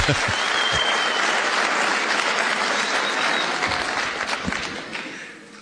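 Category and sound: crowd, audience clapping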